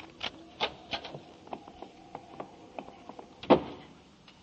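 A door being opened: a string of small mechanical clicks and rattles, like a latch and handle working, with one heavier knock toward the end, then quiet.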